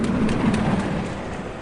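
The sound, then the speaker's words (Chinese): A steady, continuous rumble of a train bound for Fengtian running on rails, with a low droning roar and a broad hiss, moderately loud and fading slightly toward the end, with no voices. “第二天，王孝罗带着一封冯林阁写的亲笔信和日本人的那份秘密协议，坐上火车奔赴奉天去见张作霖了。”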